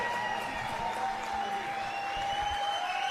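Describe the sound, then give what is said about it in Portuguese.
An audience gives a standing ovation after a viola caipira performance by violeiro Roberto Correia, clapping in steady, dense applause throughout, holding an even loudness with no pauses, while a faint sustained tone hums beneath the clapping. “Aqui o público levantando, aplaudindo de pé essa apresentação maravilhosa desse grande mestre da viola caipira”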